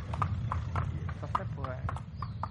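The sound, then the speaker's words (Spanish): Horse hooves clip-clop at a steady walking pace, sharp distinct strikes about twice per second, over a low rumbling background with a faint voice briefly audible. “Y esto de las rutas a caballo tiene mucho de eso, que el trayecto también es parte del viaje, incluso la parte más bonita.”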